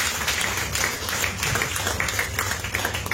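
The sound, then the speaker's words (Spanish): An audience claps together in sustained applause as a strong offering of claps to God: many hands producing a dense, steady wash of bright claps with no break across the whole stretch. “Dale una ofrenda de palmas fuerte con la historia de Dios.”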